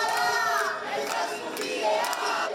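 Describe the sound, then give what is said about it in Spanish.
Dozens of protesters gathered early in the morning in front of a building's entrance in the old town of Bilbao shout "no toleramos ningún desahucio más" in unison to try to stop an eviction, their voices merging into a loud, continuous, rhythmic chant that rises and falls without pause. “Con gritos de "no toleramos ningún desahucio más", han tratado de evitar el desalojo”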